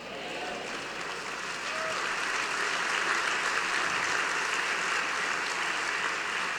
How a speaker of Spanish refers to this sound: Un mejor aplauso para el Señor.